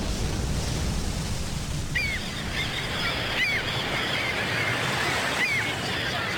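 A steady wash of waves at a big naval harbor, on the open day of the warship Harbin, fills the whole scene, with a few short honking bird calls rising above the surf now and then.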